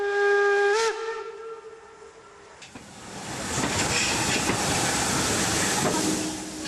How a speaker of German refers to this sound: es doch seit Jahren der erste Zug, der wieder in Marienberg im Bahnhof eingefahren ist, als historischer Dampfzug.